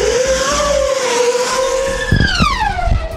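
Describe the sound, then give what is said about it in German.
A small black high-speed racing drone, capable of 700 km/h with carbon-fibre propellers, screams past with a loud, sustained motor whine whose pitch sweeps downward as it passes, rough and buzzing toward the end. “Und so klingt dieser kleine schwarze Flitzer.”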